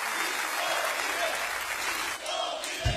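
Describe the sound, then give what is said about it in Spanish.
A crowd claps steadily and loudly in applause offered to God, a dense wash of many hands applauding continuously for a few seconds with no clear pauses. “Débele fuerte ese aplauso a Él.”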